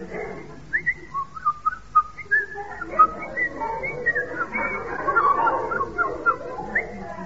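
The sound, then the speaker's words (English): A person whistles a bird-like song, a run of short warbling phrases and pitch slides imitating a thrush sitting on a nettle, fairly clear over a low background murmur. “That was a thrush sitting on a nettle.”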